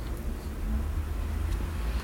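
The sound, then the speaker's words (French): A freight-taxi delivery van rumbles along Boulevard Saint-Germain, its low engine drone steady over the general hum of cars, vans and motorbikes, with no voices. “Une camionnette taxi fret SVP Transport rive droite.”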